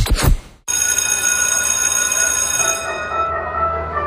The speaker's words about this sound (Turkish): Oh, ne güzel çalıyor değil mi? Ya, insanın içine huzur veriyor. Anne babaların bu ara en sevdiği parça okul zili.